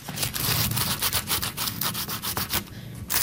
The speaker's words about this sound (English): You want to rub a big fat raw garlic clove over a big crusty piece of toast and then use a good amount of olive oil. The toast is toasted. Very crunchy.